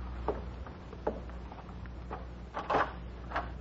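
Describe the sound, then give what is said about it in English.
A door is opened to answer a caller, with a series of soft clicks and knocks from the latch and handle, a slightly louder clatter near the end, over a low steady background hum. “I'll answer the door.”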